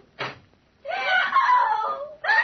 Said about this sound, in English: What was that scream I just heard? It's your patient, Dr. Manette.